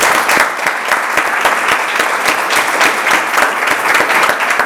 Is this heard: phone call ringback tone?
no